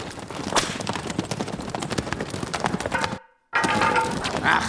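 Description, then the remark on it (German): Hooves of a black horse pound in a quick, steady rhythm, fairly loud, as it is ridden toward a jump in an indoor riding hall, broken by a brief moment of silence before the galloping resumes. No one speaks. “Waldemar Pein, der gerade mit dem Rappen auf einen Sprung zuritt”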